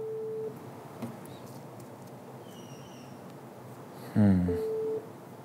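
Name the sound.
telephone busy signal tones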